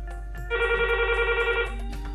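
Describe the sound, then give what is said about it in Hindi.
A telephone rings with a rapid warbling trill lasting a little over a second, clear, over a low steady hum, with no one speaking, as the first listener's call comes in to a radio phone-in programme. “हमें आपके phone calls का इंतजार है। आइए बात करते हैं हमारे पहले श्रोता से।”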